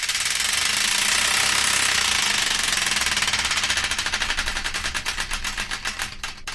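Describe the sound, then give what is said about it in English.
A prize wheel called the Wheel Destiny, spun on an FM radio show to pick the next song, ratchets loudly. Its rapid, dense clicks blur into a rattle before gradually slowing into distinct, spaced-out ticks as it winds down. No one speaks. “So let's give the Wheel Destiny one final spin to find out the song that'll be taking us into the news and beyond.”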